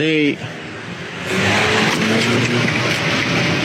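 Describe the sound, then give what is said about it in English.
A brief voice at the start, then a car engine surges loudly, its roar building and holding as the vehicle accelerates toward a person, as if trying to run them over, with some tire noise. “Your patient just tried to run me over.”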